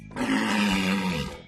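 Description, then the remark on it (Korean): A single deep, drawn-out bellow of a walrus, which lives in the cold Arctic sea, loud, holding a steady low roaring tone for just over a second before cutting off. “북극 바다에 살고 코끼리 같은 상아를 가지고 있는 거라면, 아, 알겠다. 너는 바다 코끼리로구나.”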